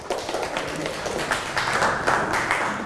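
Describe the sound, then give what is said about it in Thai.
A group of children in a class clap together for a classmate at the teacher's request. It is a steady burst of applause, a dense patter of many hands that swells slightly and continues for a few seconds without any talking. “เก่งมากอ่ะปรบมือให้เพื่อนค่ะ”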